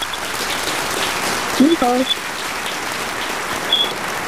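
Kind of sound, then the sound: sound effect, applause sound effect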